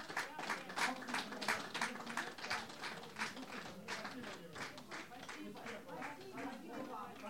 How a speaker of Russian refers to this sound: Ну а наш праздничный концерт продолжается. Давайте поприветствуем аплодисментами артистов и ведущих.